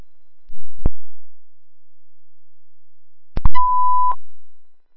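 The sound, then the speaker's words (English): A click, then a short burst of sharp clicks followed by a steady electronic beep tone lasting about half a second, a fire dispatch radio alert tone for a report of electrical wires down, with no talking. “You can start beeping it for wires down.”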